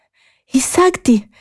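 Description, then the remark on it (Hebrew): A voice imitates out-of-breath panting as the story character Tego runs to the wise man's cave: three quick, voiced gasps in a row, breathy and loud, as if someone has just stopped running. “באותו רגע קמה טגו ורצה במהירות לעבר מערת החכם, כשהיא מתנשמת ומתנשפת. טגו הגיעה קצרת נשימה למערה.”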